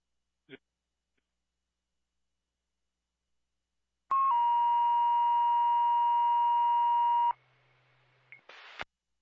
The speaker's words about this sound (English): Can you put out cancellation tones, please?